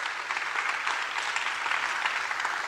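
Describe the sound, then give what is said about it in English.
A crowd at a Thunder press conference introducing draft picks claps steadily for the community picks, a dense, continuous wash of applause from many hands that stays even in loudness throughout, with no voices standing out. “Give one more round of applause for our community picks.”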